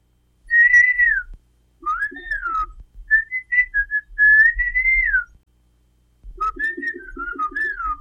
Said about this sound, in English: These are a couple of guys having a conversation. They're talking with whistles. You can do that in their language, Xochiapam Chinantec. They actually exchange information